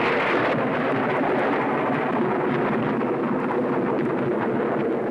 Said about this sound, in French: Ouais, c'est au tonnerre que je pensais, t'as gagné.